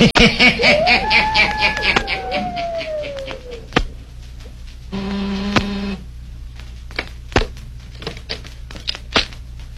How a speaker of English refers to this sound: He waits a few seconds. He presses the buzzer again. Listen.